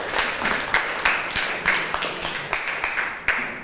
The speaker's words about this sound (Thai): ถูกต้องค่ะนักเรียนเก่งมากปรบมือให้เพื่อนค่ะ